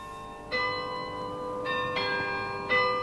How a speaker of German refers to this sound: Da standen sie und hören ihrem Glockenspiel auf dem Rathaus zu.